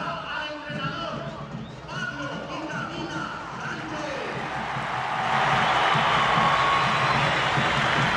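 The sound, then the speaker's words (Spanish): A crowd breaks into steady applause for Pablo "Vitamina" Sánchez of the Olimpia football club's coaching staff, swelling over the last few seconds, a dense wash of clapping under a man talking throughout. “Aplaudido Pablo Vitamina Sánchez.”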